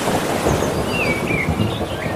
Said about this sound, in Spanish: Mira, vamos a juntarlo todo, ¿eh? Olas. Y algún trueno.